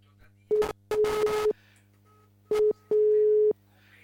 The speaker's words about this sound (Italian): Allora. Guardiamo se sento bene la prossima telefonata. La sento da Dio. Sentite come lo squillo arriva bene? Sentite.